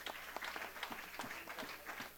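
A church audience applauds the priest, the ministry groups and the communities, many hands clapping in a dense, steady patter with a few sharper claps standing out, fairly soft overall and with no talking over it.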